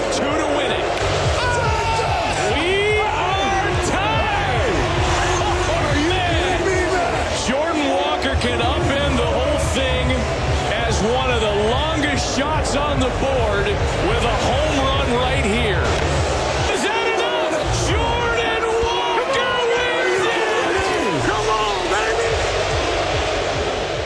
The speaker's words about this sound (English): Now, obviously, the Philadelphia crowd was not too pleased. In fact, they booed Jordan the entire time. They're still booing you. What's it like to have 40,000 people boo you?